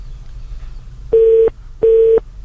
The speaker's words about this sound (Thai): เพราะสายโทรมาก็ตู้ตู้ตู้อย่างเงี้ยอาจจะมีปัญหาสัญญาณอ่อน